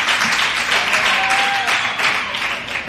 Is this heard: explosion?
no